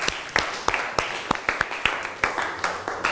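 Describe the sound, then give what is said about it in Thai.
A short burst of applause from a small group: around ten sharp, uneven claps in a brisk, irregular rhythm, moderately loud, with no voices over them. The teacher asks the students to applaud an educational video about the endocrine system shown in class. “ในวันนี้ขอเสียงปรบมือให้กับสื่อวิทัศน์หน่อยค่ะ”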